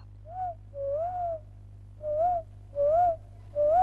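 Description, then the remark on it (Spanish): Someone whistles in imitation of a songbird: five short, clear phrases, each sliding up and dipping back down, spaced by brief pauses over a faint low hum, with no talking. “¿Y tu pajarito canta o ya no canta más? Escucha.”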